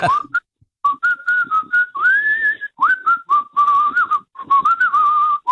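A person whistles a lively tune, a clear, steady melody of connected phrases with brief pauses between them, fairly loud, with no talking.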